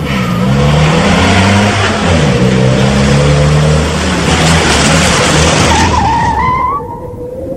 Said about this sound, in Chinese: 军营院内，一辆救护车急速驶来，停在了三号楼前。